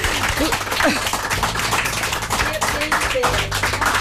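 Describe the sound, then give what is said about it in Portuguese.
An audience applauds steadily for about four seconds, a dense, loud patter of many hands clapping, with voices talking and calling out underneath. “É palmas, não é palmadinhas.”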